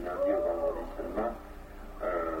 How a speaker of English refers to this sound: It's that owl. Same as before.